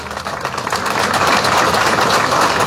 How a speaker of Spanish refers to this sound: Están nuestros concejales. Para ellos, un fuerte aplauso a cada uno de ellos.